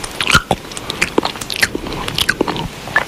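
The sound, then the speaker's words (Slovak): Wet, crunchy chewing with irregular bites and crackles, each crunch a sharp burst repeating steadily for a few seconds, with no talking. “Pravdepodobne teda máte misofóniu, čo je neurologická porucha, pri ktorej špecifické bežné zvuky ako napríklad žúvanie, mláskanie, dýchanie, klopkanie vám jednoducho lezú na nervy.”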